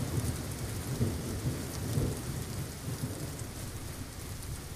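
Steady heavy rain hisses throughout, with deep rolling thunder rumbling low underneath in slow swells, as part of a song rather than real weather. No voices or music stand out, just the continuous storm.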